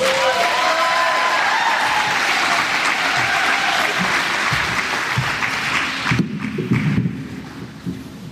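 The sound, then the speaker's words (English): An audience breaks into sustained, loud applause for members, with dense clapping and a few whoops, then the clapping thins out and fades into scattered claps near the end. “Can we have another round of applause for these wonderful members?”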